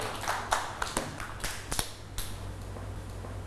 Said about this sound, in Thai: เก่งมากค่ะเด็กๆปรบมือให้เพื่อนๆด้วยค่ะ